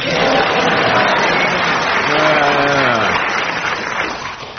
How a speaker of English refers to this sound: They all clapped.